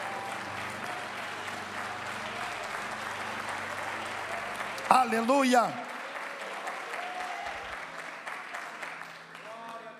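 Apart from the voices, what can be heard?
applause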